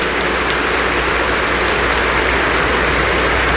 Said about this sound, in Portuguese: Tantos padres hoje aqui, vamos dar uma salva de palmas para nossos padres nessa celebração.